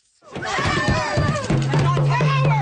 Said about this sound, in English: Protesters shouting at Nova Scotia Premier Tim Houston as they swarm his car, climbing on top of it, standing in front of it, and smashing the windshield.